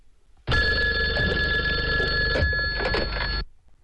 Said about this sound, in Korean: 류 현장이 전화입니다.